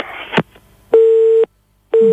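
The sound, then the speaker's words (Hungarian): A telephone busy tone sounds after a caller to a Mária Rádió call-in programme hangs up: a brief click and rustle, then steady half-second beeps repeating on and off, clear, with no voices. “Közben letette a kedves telefonáló.”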